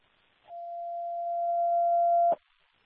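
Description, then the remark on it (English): A dispatch alert tone, going off repeatedly during a call for Ladder 1 to an unknown medical at 21 Battery Park Avenue, sounds as one long, steady electronic beep lasting nearly two seconds, loud, with faint radio static hissing before and after it. “I don't know why the tones keep going off.”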